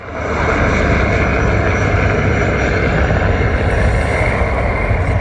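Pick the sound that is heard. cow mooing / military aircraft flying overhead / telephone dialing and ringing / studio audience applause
military aircraft flying overhead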